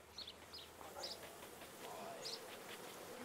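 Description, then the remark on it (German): A dense, steady hum of about 20,000 bees swarming around a beehive, fairly soft and continuous, with a few faint high bird chirps flickering above the drone. “Ebenfalls eine Mutprobe, an einem Bienenstock mit 20.000 Bienen herantreten.”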